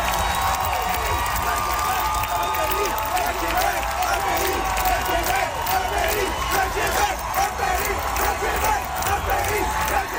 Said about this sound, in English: and as the song ended and the applause swelled, some people in the crowd began to shout.